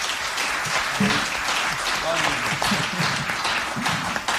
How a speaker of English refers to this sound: Let's give him a round of applause, please.